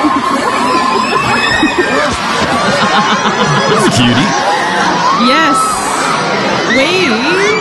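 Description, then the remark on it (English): A dense crowd of excited fans screams and shrieks continuously at a pop-up gig in Melbourne, high-pitched voices overlapping loudly, with bits of talking mixed into the din. “In its natural habitat, the fan, the cat's eye fan. In a tree, the screams.”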